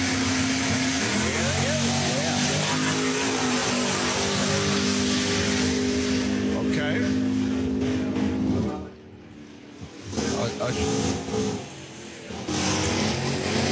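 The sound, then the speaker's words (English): Several race cars idle and rumble loudly while lining up at a drag strip, a steady, throaty drone with a brief lull partway through before the roar returns. Voices are faintly mixed in underneath. “Okay, we're starting to line up a bunch of cars out here.”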